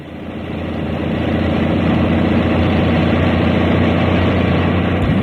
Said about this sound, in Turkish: Yürü koca kamyon, yürü de Halil'in namı yürüsün.